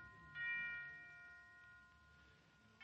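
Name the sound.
bells ringing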